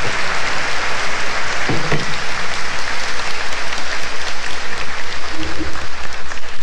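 Sustained applause from a crowd, a dense steady patter of many hands clapping loudly throughout, with a brief murmur of voices underneath.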